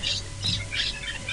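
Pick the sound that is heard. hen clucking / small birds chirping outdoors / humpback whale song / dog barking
small birds chirping outdoors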